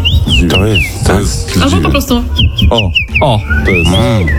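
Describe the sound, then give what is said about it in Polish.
A common rosefinch sings a series of clear, sliding whistled notes in short repeated phrases, while people talk steadily underneath. “O, to jest dziwoń.”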